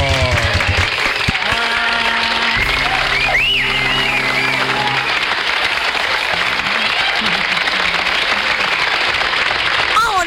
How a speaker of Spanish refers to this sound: Muy bien. Un aplauso. ¡Fuerte el aplauso!